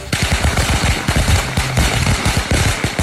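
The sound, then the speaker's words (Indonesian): A long, rapid string of firecrackers crackles loudly and continuously, dozens of sharp pops fired in quick, irregular succession without pause, set off by someone in the daytime. “Sopo ta iki awan-awan kok nyumet mercon, gak mbrebeki tenan.”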